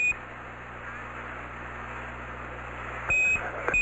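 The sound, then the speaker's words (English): The cockpit alarm of the Eagle spacecraft beeps in short, high electronic tones during descent, once at the start and again near the end, over a steady radio hiss and low hum. It appears to come up when a 1668 is up. “Same alarm, and it appears to come up when we have a 1668 up.”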